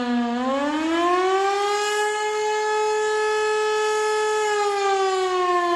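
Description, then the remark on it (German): A civil defense siren sounding the 'Alarm' signal at 12:30, a one-minute rising and falling continuous tone warning of acute danger; it winds up from a lower pitch to a loud, steady wail and holds it, a continuous harmonic tone with no voices. “Eine Minute lang ist ein auf- und abschwellender Dauerton zu hören.”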